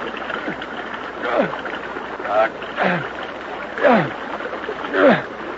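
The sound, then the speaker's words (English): Water splashes and churns in a stream as someone kicks the water, in a steady rhythm of repeated surges, about one every second, over a continuous rushing wash, fairly loud. “Don't kick the water so hard. Keep your feet together.”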